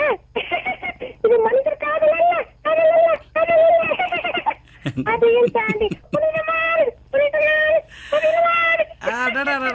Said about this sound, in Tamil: எக்கோலாம் சேர்த்து குடுக்கறீங்க. எல்லாமே சேர்த்து குடுத்துறீங்களே சார். அழுகைக்கு கூட எக்கோ கொடுக்க உங்களதான் சார் முடியுது.